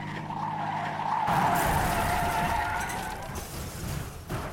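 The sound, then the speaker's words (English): A car loses control and skids on snow during a blizzard in whiteout conditions, sliding into a ditch: a sustained scraping hiss with a tonal whine that swells after the first second, then tapers off with a final jolt near the end. “I lost control of the car a couple times. The 3rd time, I slid into a ditch.”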